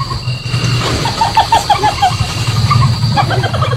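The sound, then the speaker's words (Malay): A civet gives its laugh-like mating call, a sound made possible partly by the hyoid bone in its neck: quick bursts of short, high chattering notes repeated in a stuttering series over a steady low rumble. “Itu tadi adalah suara musang.”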